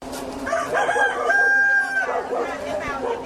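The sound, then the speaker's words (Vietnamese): A H'Mông rooster at the Thiên Phúc Agricultural and Medicinal Herb Cooperative in Đồng Hỷ commune, Thái Nguyên province, Vietnam, crows once, loud, its drawn-out call rising and holding for about a second and a half over a steady low hum and faint farmyard background noise. “Từ những con gà hơ mông nuôi đơn thuần, Hợp tác xã Nông nghiệp và Dược liệu Thiên Phúc, xã Đồng Hỷ, tỉnh Thái Nguyên đã tìm cách tạo ra một sản phẩm khác biệt bằng việc kết hợp nguồn thức ăn với dược liệu.”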